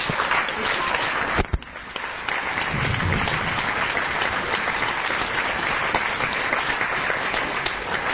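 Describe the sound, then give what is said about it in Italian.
Sustained applause from a crowd, a dense, steady roar of many hands clapping at once, loud and unbroken for the whole stretch with only a brief dip near the start. “Un applauso a tutti, per tutti.”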